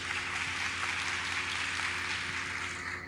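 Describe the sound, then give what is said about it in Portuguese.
Steady, dense applause from many hands for the Holy Gospel after its reading, a continuous crackling wash of claps at an even loudness with no voices over it, lasting about three seconds. “Uma salva de palmas para o Santo Evangelho.”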